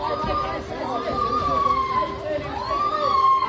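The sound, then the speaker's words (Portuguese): A man, the owner who was attacked and torn up by a pitbull, lets out high, drawn-out wailing screams that rise and fall in long swoops, almost like a siren or a yelping small dog, as police break down the door, over steady background crowd chatter. “Esses gritos que você acabou de ouvir, você pensa que são gritos de um cachorro pequeno? Não, são os gritos do homem, gritando como se fosse uma criança de 2 anos, todo rasgado pelo”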